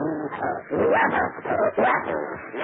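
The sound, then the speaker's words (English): A bloodhound named Prince barks and whimpers in a run of loud vocal bursts, its whining yelps rising and falling in pitch over a few seconds. “And you're a bloodhound, are you? Smart little doggy.”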